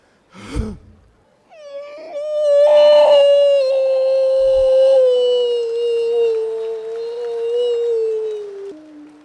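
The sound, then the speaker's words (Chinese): A man crouching as a mock voice warm-up imitates a wolf howl with one long, sustained, slightly wavering tone that holds steady for several seconds before dropping off, preceded by a short sharp vocal burst. “这是狼叫唤呢。”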